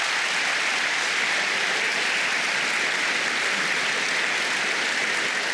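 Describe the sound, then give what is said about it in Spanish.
An audience claps for the Lord, a dense wash of many hands applauding steadily at an even level for several seconds with no speech over it. “Dele palmas al Señor entonces.”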